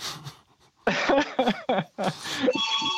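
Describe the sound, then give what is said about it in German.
A phone starts ringing at the end with a steady, bright electronic tone, right after a run of short, breathy vocal bursts that sound like coughing or panting. “Oh, da klingelt es.”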